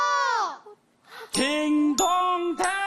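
A bright three-note correct-answer chime, ding-dong-dang, rings out loud with evenly spaced notes after a short falling tone and a brief pause, marking a correct quiz answer on a children's show.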